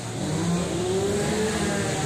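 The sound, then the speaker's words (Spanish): A chainsaw runs steadily, recorded in Agurain, its loud buzzing engine droning throughout with a pitch that climbs slightly. No one speaks. “Pues mira, se lo lleva Rosa, porque es una motosierra.”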